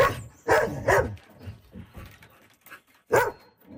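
A dog named Storm barks in short bursts as it sets off on a morning walk in Buffalo Narrows, about 500 kilometers northwest of Saskatoon: two quick loud barks close together, a pause filled with softer whimpers and yips, then one more sharp bark near the end.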